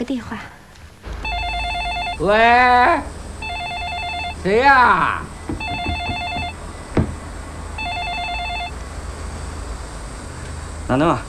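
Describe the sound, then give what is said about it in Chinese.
A telephone rings in four evenly spaced bursts about two seconds apart, each a bright, buzzy electronic trill. Between rings, a voice lets out rising, sing-song exclamations over a low background hum. “我去打个电话。喂，谁呀？”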